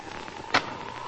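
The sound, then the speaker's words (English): A match is struck and flares inside a dark shack, a single quick, scratchy burst rising briefly out of a steady low hiss and fading almost at once. “I'll light a match.”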